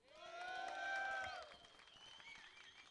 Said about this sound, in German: Macht doch mal selber Applaus für euch.